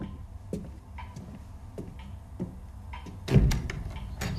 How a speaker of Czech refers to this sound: Někdo klepe, kluku. Já slyším. Jenomže dědeček říkal, abys nás nikomu neotvíral. Pořád klepe.